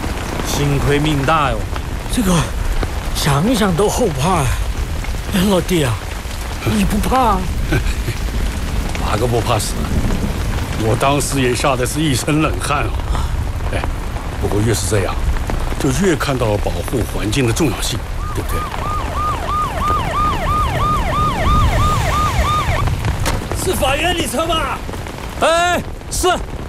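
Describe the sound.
Steady rain pours down throughout, a dense hiss with scattered drips, while voices talk over it; a low rumble like thunder rolls beneath.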